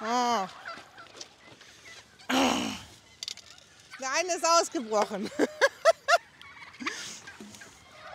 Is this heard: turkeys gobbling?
yes